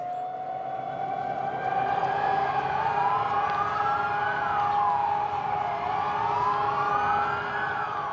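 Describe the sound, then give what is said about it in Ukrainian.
Several air-raid sirens wail together over Warsaw at 5 p.m., as the capital falls still to mark the hour the Warsaw Uprising began; their overlapping tones slowly rise and fall in long sweeps, holding a steady, sustained blare throughout with no one speaking. “О 17-й годині столиця традиційно завмирає і лунають сирени.”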